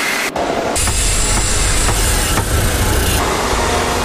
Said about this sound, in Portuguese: São Paulo tem mais de 11 milhões de habitantes. Então a gente vive assim, no trânsito entre buzinas e motores. Porque a quantidade de carros nas ruas é impressionante.